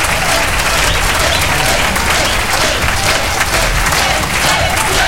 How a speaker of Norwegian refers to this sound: Ja da, gi vi en ekstra applaus til dansebandet for en fremragende kveld.